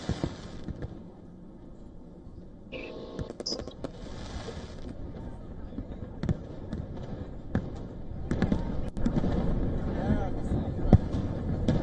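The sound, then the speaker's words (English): Fireworks explosions from the Macy's fireworks show in New York City crack and thump irregularly over a continuous low rumble, some bursts sharp, others duller, with muffled crowd voices murmuring underneath. “Tell us about the celebrations that are taking place and this fireworks show.”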